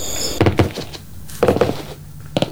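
A door opening, marked by several heavy wooden clunks and thumps spaced across a couple of seconds, with a low hum between them and no voices.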